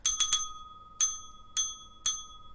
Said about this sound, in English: It means save our souls. Oh, right. Ring yes. that bell. Oh. Do it in Morse code.